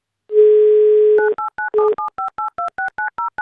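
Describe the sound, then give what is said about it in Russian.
A steady telephone dial tone hums for about a second, then a quick run of about a dozen short, evenly spaced two-note keypad beeps as a listener's phone number is dialed live on air during an Avtoradio prize game. No one speaks. “Прямо сейчас наберем его номер.”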